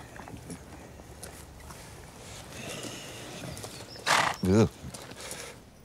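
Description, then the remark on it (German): A horse on a farm offering therapeutic riding lets out a short, loud snort followed by a quavering whinny near the end, standing out over a low, steady outdoor background with faint movement. “Ich habe ja Angst vor Pferden.”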